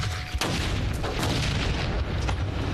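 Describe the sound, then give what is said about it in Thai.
A hand grenade set off by remote detonator in a blast-wave test explodes nearby with a sharp, powerful crack, followed by a heavy rumbling roar and scattered debris pops that fill the rest of the moment. No one speaks. “นี่คือการทดสอบคลื่นระเบิดของระเบิดมือที่เป็นครั้งแรกที่ฉันเห็นระเบิดมือระเบิดใกล้ขนาดนี้นะ ฉันก็เหมือนกัน เริ่มแล้วใน3 2 1ระเบิด”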